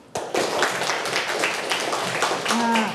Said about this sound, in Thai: แบบนี้เป็นจังหวะไหมคะ เป ็นไหมคะ เป ็นไหมคะเขาเรียกว่าปรบมือเป็นจังหวะไหมคะ ไม ่เป็นจังหวะ